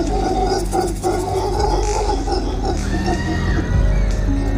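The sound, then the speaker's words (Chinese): Mantled howler monkeys in the rainforest give loud, deep, guttural alarm roars at a jaguar, alerting animals for kilometres around; the roars overlap and drone on without pause, a rasping chorus filling the whole stretch. “多亏了鬃毛吼猴，方圆几公里内的动物都发现了这只美洲豹。”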